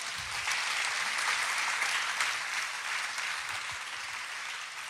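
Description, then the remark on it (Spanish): Sustained applause from a crowd, given as an applause for God, a dense steady wash of clapping that holds at an even, fairly loud level for about five seconds with no voices over it. “Eso merece un aplauso para Dios.”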